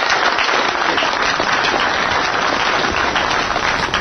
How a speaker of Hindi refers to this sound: इसके बाद तालियों की गड़गड़ाहट के बीच गीतांजलि जी उठी।